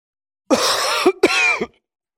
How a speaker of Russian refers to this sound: Как вы лечите свой кашель?